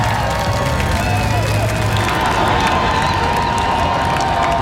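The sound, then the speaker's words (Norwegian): A huge crowd of tens of thousands on Slottsplassen, in red jerseys, viking helmets and flags, roars and cheers continuously as the men's national team World Cup heroes walk out, a dense wash of voices and applause sustained at steady loudness throughout, with scattered shouts rising out of the din. “Gående samlet ut på Slottsplassen til jublende applaus og garden oppstilt, fikk VM-heltene endelig møte folket som har heiet dem frem.”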